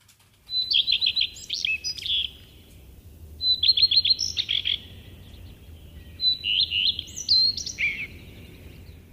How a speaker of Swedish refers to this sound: Idag startar jag, Lars-Johan Sandvik från Nykarleby andrum, med rödstjärtens lite sträva sång. Den är en färgstark och livlig småfågel.